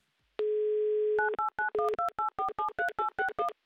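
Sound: telephone ringback tones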